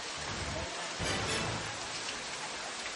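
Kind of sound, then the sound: nature, heavy rain pouring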